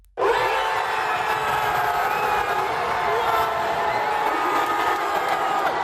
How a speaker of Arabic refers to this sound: بعد ضربات الجزاء والأشواط الإضافية وتسعين دقيقة من الوقت القانوني للمباراة، أطلقت الجماهير في منطقة المشجعين في ملعب الأمير مولاي الحسن في العاصمة الرباط العنان لأفراحها بعد انتصار أسود الأطلس على الطواحين الهولندية وتأهل المنتخب المغربي